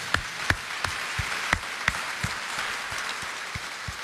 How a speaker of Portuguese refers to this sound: Nossa Senhora merece uma salva de palmas, né, gente?